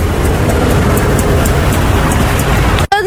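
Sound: street traffic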